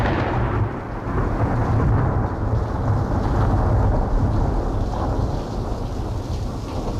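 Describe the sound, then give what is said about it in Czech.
Heavy rain pours down steadily while deep, rolling thunder rumbles, a continuous loud storm roar with no voices. “Stojí pod stromem a vůbec nemá strach, že do něj bací hrom.”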